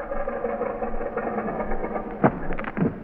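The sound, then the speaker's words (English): An early propeller aeroplane engine drones steadily at a mid pitch in flight, a rough, buzzing hum, with a couple of sharper sputtering bursts near the end. No one speaks. “Now let's take her down and tell the world we invented the aeroplane.”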